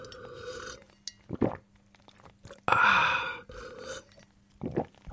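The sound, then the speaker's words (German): A radio host on Bremen 1 drinks water during an on-air hydration break in a few wet, throaty gulps and swallows, separated by short pauses, with one longer, louder breathy burst partway through. No one speaks. “So, bevor es hier erstmal weitergeht auf Bremen 1, ist jetzt erstmal hier Hydration Break, Trinkpause, ist ja klar, sonst kann ich gar nicht weitermachen.”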